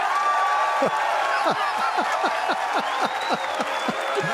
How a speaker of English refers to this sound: These gags keep on coming. This is another round of applause.